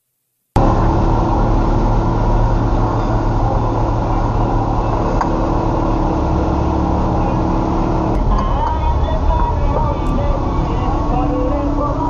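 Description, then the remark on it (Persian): Heavy traffic rumbles steadily, with the deep, continuous engine drone of buses moving along a city street in Iran as people get off them, and indistinct voices faintly underneath. “از اتوبوس پیاده میشدن اینا کاوره مامان، اینا اینایی که با پول مردم خریدن کاوره برای خودشون، برای کاراشون،”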